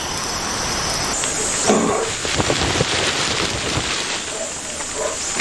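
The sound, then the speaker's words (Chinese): Steady, dense rain in a forest hisses without a break as the heavy downpour begins to ease, with scattered drips and patters on top and a thin, high insect whine pulsing along above it. “猪笼草巧妙地利用了大雨，随着雨势的减弱，其他生物也有所收获。”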